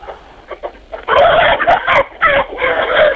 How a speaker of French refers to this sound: Eh bien, actuellement, je suis dans mon poulailler au milieu des poules.